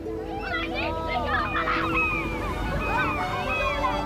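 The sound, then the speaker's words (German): A flock of seagulls circling over a beach cries continuously, many overlapping squawking calls rising and falling, over a steady wash of background noise like surf on the beach. “Am Strand spielen ein paar Kinder im flachen Wasser, über ihnen kreisen Möwen.”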